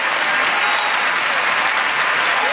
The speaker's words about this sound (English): Give God a hallelujah and a hand clap.